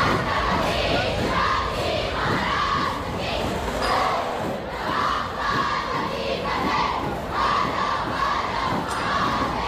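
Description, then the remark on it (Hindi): A crowd of thousands of Marathi people in Nagpur cheers and shouts without pause at the 353rd anniversary celebration of Chhatrapati Shivaji Maharaj's coronation, a loud, dense roar of many voices with rising yells, while dhol-tasha drums pulse with steady low thuds underneath throughout. “ढोल ताशों की गूंज, पारंपरिक कलाओं का प्रदर्शन और हजारों मराठियों का जोश, हर नजारे मानो शिवाजी महाराज के स्वराज के संकल्प को फिर से जीवंत कर रहा था।”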